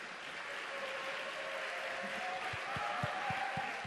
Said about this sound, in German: Und ich weiß nicht, ob es euch ähnlich geht. Wenn es euch so geht, einen Applaus bitte.